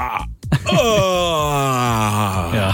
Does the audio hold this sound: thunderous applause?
no